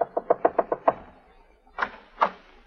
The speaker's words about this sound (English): Now we find her knocking frantically on Jeff's door.